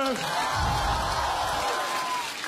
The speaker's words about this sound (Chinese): 还是得讲脱口秀呀，这但凡在外边观众有这种欢呼和掌声，我只会好奇，我说这后边又是谁出来了。